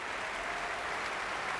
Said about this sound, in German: Jetzt kommt Paavo Järvi noch einmal herein und bittet alle aufzustehen. Viel Applaus. Und Pfiffe und Bravo-Rufe